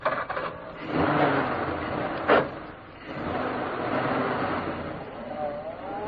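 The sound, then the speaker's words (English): A car engine cranks and catches after a sharp clunk, started with an ignition key after two men climb into the car, then settles into a steady, fairly loud running rumble that rises in pitch slightly as the vehicle pulls away. “the spare wheel was bolted on, the tools were replaced in the boot, and the two men climbed into the car. I hope that ignition key of yours works,”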